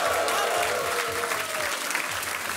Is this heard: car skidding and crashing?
no